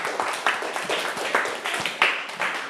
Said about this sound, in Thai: ถูกต้องครับเก่งมากๆเลยปรบมือเพื่อนหน่อยเร็ว